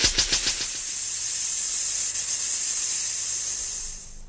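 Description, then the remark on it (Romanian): A steady, loud hiss of air escaping from a punctured tire, split on both the outside and the inside, with a few sharp bursts at the start before settling into a continuous rush that holds for several seconds. “Cauciucul e spart și pe din afară și pe dinăuntru.”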